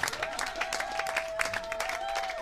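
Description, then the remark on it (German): A crowd applauds a red-nosed flying clown troupe with dense, steady clapping, joined by a sustained whistle-like tone throughout. The applause stays fairly loud and even across the short stretch, with a faint murmur of voices underneath. “Riesen Applaus für die roten Nasen.”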